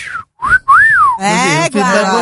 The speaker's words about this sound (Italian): No dai, fai una fischiatina a qualcuno che fa un bel bonifico